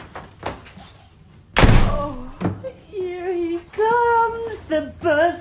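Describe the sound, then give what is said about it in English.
The door of Harry's cupboard under the staircase slams shut with a single loud, heavy bang as his cousin kicks it closed, followed by voices talking and exclaiming. “As Harry opens the door, his cousin pushes him back inside, kicks the door shut, and runs into another room.”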